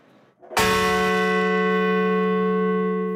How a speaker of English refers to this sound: Outside Shanksville, Pennsylvania, bells tolled for the 40 passengers and crew of Flight 93.